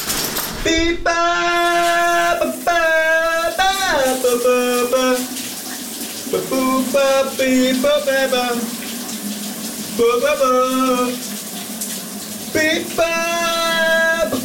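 A shower runs in a shower cabin with a steady hiss of spraying water while someone sings loudly over it in short melodic phrases with brief pauses, in a morning shower-singing segment on the radio station VLR.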